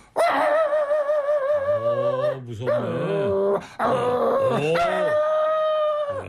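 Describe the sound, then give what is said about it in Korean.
A person loudly imitates a Chungcheong dog barking at a burglar climbing over the wall, voicing drawn-out, wavering howls and whiny yelps in about three long phrases with brief breaks between them. “개소리도 되게 기시네요.”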